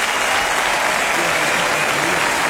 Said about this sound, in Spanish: Fuerte aplauso acá.